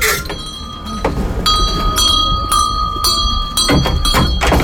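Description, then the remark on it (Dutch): A shop door bell jingles repeatedly as visitors enter a 150-year-old hat shop in Groningen, its bright metallic tones ringing on and overlapping for several seconds amid a busy, rumbling background. “Van een bel, joh. Ja, dat moet ook. Dan horen mensen ze zelf binnenkomen.”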